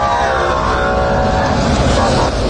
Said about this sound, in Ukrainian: Ось нарешті автобуси. Це така коротка зустріч.